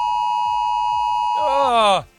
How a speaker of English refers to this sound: All our phones, even if they're on silent, are going to go off with a sound just like this.